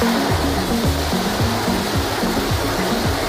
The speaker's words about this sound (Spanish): Estamos escuchando el tifón Babi, que se acerca a Filipinas con vientos de hasta 230 kilómetros por hora. La tormenta se ha acercado en las últimas horas a Luzón, la isla más poblada del archipiélago y donde se encuentra la capital del país, Manila.